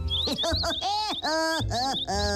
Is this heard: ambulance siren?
no